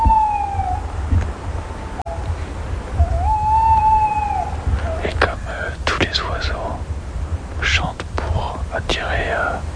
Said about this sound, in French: La chouette hulotte.